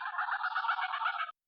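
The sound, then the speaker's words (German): Geese honking in a dense, continuous gabble for just over a second, a busy midrange chatter with no pauses that cuts off abruptly. No one speaks. “Das klingt deutlich gänsiger.”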